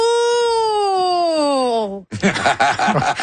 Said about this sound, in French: On dirait une sirène.